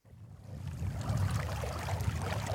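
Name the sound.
river current flowing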